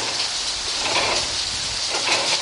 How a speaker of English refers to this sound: Listen to the sounds of the mill. Outside, there's the sound of the water from the mill race running over the wheel.